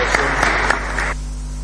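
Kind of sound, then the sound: crowd, applause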